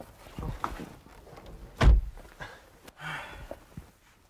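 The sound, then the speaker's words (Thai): A car door slams shut once with a heavy thud as someone gets into the car, preceded by faint shuffling and rustling, followed by a soft breathy noise and light movement sounds. “ขึ้นรถมาปิดประตูด้วยเร็วสิว่า”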